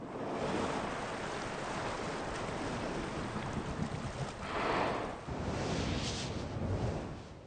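Steady rushing surf rolls onto a sandy beach on the coast of Brazil, shifting the sand, with a few louder swells building and breaking in broad washes of white noise. No voices, just continuous crashing water.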